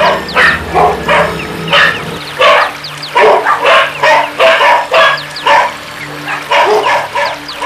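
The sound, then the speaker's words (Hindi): Several dogs of a large pack bark in rapid, overlapping bursts as they chase someone, a loud and continuous clamor of barks and yips with no pauses. “और उनके पीछे पीछे जीव लपलपाता, दांत चमकाता, रुधिर लोलुप विशाल श्वान समूह।”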